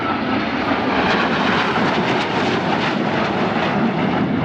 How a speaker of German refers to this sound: Noch ist es ganz ruhig, obwohl man sie schon deutlich sehen kann. Aber wie wir wissen, laut ist ein Flugzeug ja hinter dem Flugzeug. Und da sehen sie 4 Eurofighter.